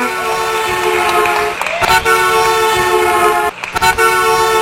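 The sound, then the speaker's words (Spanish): The official five o'clock in the afternoon whistle: a loud, sustained blast with a rich stack of steady tones, held for several seconds and briefly broken by a couple of short gaps before it resumes, with no talking. “pitazo de las 5 de la tarde oficial.”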